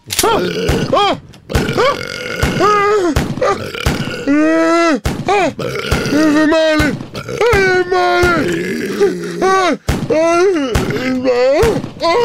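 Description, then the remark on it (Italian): A rapid barrage of loud, comical burps, one after another with wobbly, rising and falling pitches, punctuated by sharp thuds of revolver shots hitting a chef in the face during an ambush. “Lo chef pentolaccia viene raggiunto da tantissimi rutti buffi e revolverate in volto.”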